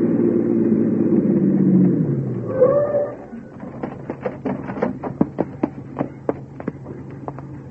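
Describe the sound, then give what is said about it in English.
A squad car's engine rumbles and winds down as it pulls up, with a short squeal as it stops, then a steady series of sharp ticking clicks from the idling motor. “Park behind that squad car pulling up.”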